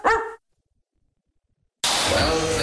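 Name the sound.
dog barking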